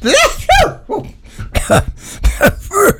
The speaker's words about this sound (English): She's got a cold. I said, don't sneeze at the radio like that.